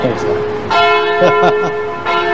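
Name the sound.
cathedral church bells ringing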